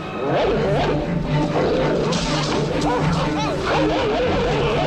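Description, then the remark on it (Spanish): In a film scene, a pack of Rottweiler dogs growls and snarls in a loud, continuous frenzy as they attack the protagonists, including Gregory Peck's character, with overlapping rough, rising and falling vocal bursts throughout the attack. “Un gruñido animal corta en seco la indignación de Gregory Peck.”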